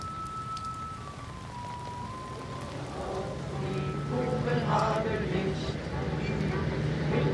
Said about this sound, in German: Jetzt wird eine Stele für die Toten des Lazarettes eingeweiht, während der Regen auf die Schirme prasselt.